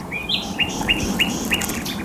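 A series of about five bright, rising bird chirps repeats at a steady pace over a broad outdoor wash of ambient noise, wild birds calling across the open water of the Helmstausee reservoir.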